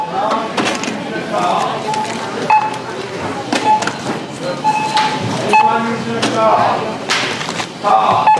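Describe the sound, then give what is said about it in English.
Short, high electronic beeps from a self-checkout scanner sound at irregular intervals, about six of them, over a busy backdrop of clattering, thumps and indistinct voices. “So now I'm at the self-checkout to see if I can do, if I can talk through this.”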